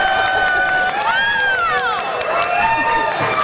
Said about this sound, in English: By the way, I believe that is the loudest applause we've ever had at this show. Not 100% sure how I feel about that.